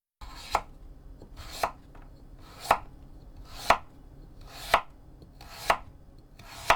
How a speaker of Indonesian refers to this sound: Potong daging ayam kecil-kecil ukuran 1 cm.